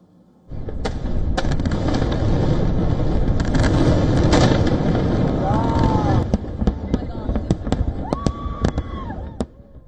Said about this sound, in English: Even so, from packed fairgrounds and fairgrounds and patriotic gatherings to fireworks lighting up the night sky, millions of Americans pressed ahead with celebrations determined to mark the nation's 250th birthday